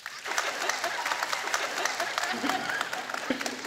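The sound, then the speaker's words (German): An audience of brides claps steadily for several seconds to vote that they want a new wedding dress. A dense patter of many hands, with a few voices murmuring underneath, holds at an even, moderate loudness throughout. “Okay, jetzt alle Bräute, die sagen, ne, das ist doch der Tag der Tage. Nee, ich brauche mein Kleid und das muss neu sein.”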